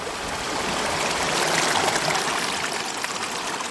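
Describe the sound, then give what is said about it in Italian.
Water of the young Arno river flows steadily over stones at Molin di Bucchio, the first mill on the Arno, in the Casentino, a continuous bright, rushing babble that stays fairly loud throughout, with no voices. “Quest'acqua che scorre è l'Arno Bambino, ancora ignaro, di Pontevecchio del Mare.”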